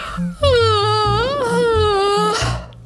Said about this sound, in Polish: Nie ma niczego przyjemniejszego niż ziewanie, więc ziewnijcie jak najszerzej tylko umiecie, jak najbardziej.